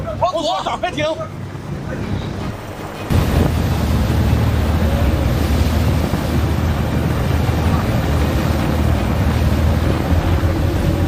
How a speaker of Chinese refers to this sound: 他的发动机就没关，随时在准备逃窜。你看这个船打满舵，6台发动机同时开足马力逃窜的时候，我们就立即拉响了这个警报。